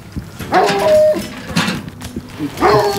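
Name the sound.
large dog barking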